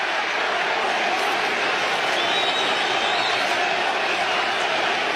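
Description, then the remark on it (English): A large baseball stadium crowd keeps up a steady, loud roar of cheering and chatter as Miguel Vargas bats in the bottom of the first with no score, a dense wash of voices that holds level for several seconds without any single voice standing out. “It's 1-0 on Miguel Vargas in this crowd. I mean, they're into every single pitch.”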